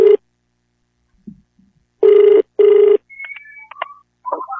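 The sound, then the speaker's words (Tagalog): An outgoing phone call to a user of Wonder Herbal Oil rings back in two steady, loud buzzing pulses with a pause between, followed by faint chirpy electronic tones and short warbling beeps as the line connects. “Karon ato ning tawagan kay matud pa niya na disgrasya kuno siya sa motor unya na bali ang punuan sa iyang abaga.”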